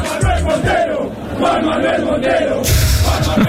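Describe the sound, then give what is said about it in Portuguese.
A big crowd of Argentina football fans chants a name together, loud and steady, many voices rising and falling in rhythm and swelling stronger toward the end; they chant the name of a lost wallet's owner to find him in the crowd. “Basicamente, no meio da multidão, eles começaram todos a cantar o nome”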